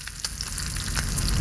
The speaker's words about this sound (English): Or the sweet sizzle of bacon frying to the perfect crunch.